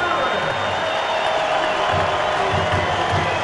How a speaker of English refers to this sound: And here's a well-deserved round of applause for Jose Ramirez.